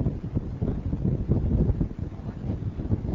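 Strong wind roars and buffets the microphone on a ship's deck, in front of the engine room, a steady, rumbling low gusting that never lets up, with no voices.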